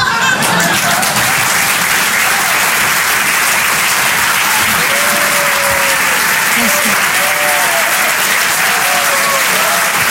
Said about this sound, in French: On peut l'applaudir très très fort, elle aussi.